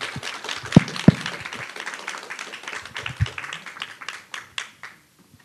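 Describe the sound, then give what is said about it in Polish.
An audience at a discussion event applauds before the question session, a dense patter of many hands clapping with a few sharper loud claps standing out, then thinning out and fading over the last second. “No najpierw brawa, oczywiście.”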